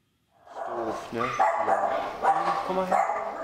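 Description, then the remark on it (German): Drop, an old, sick mixed-breed dog abandoned three weeks earlier at the start of the holidays, barks and yelps in a run of fairly loud bursts, several sharp calls spread evenly over a few seconds with busy background noise underneath. “Das ist Drop, ein alter, kranker Mischlingshund, vor 3 Wochen zu Ferienbeginn ausgesetzt.”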